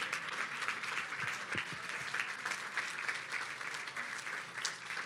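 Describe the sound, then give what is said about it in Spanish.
Sustained applause from a crowd, given to the King, a dense steady wash of many hands clapping for the full stretch, fairly loud and even, with no voices rising above it. “Denle un buen aplauso al Rey.”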